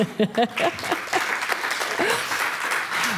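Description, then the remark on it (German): An audience breaks into steady, dense applause that carries on evenly throughout, with a brief bit of voice at the start and a faint voice surfacing under the clapping. “So wollte jemand klatschen, gerne.”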